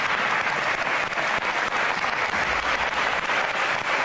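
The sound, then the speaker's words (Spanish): Sustained applause from opposition deputies standing up in the Assembly of Madrid to applaud for Mari Carmen, dense steady clapping that holds at an even level for several seconds without pause, with no voices standing out. “En el que la oposición se levantaba en la Asamblea para aplaudir por Mari Carmen y los diputados del Partido Popular se quedaban sentados.”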